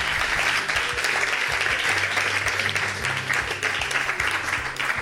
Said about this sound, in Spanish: Le podemos dar palmas al Rey de Reyes, señores, señores.